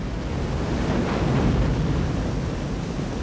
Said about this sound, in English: Walking against a steady flow of people, Utah arrives at the beach, where only a hardened few stand as spectators to nature's fury lashing the coast with towering waves.